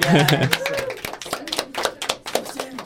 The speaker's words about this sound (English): That you can clap. I think you should.